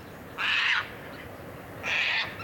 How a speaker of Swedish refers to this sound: Två korta skrapiga skrän bara, och sen var den borta. Denna rödlistade tärna som man jobbar hårt både i Sverige och Finland med att hjälpa genom olika naturvårdsinsatser. Skräntärna alltså.